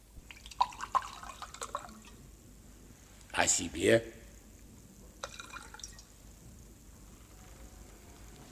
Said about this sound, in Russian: а затем достала из шкафчика бутылку и наполнила стаканчик.